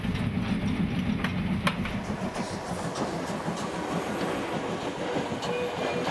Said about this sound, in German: Hatten wir diese Talansicht noch vor wenigen Minuten, der Zug fährt auf der unteren Kehre, ist unser Blick jetzt ein ganz anderer.